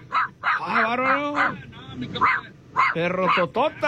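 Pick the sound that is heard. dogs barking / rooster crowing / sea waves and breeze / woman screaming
dogs barking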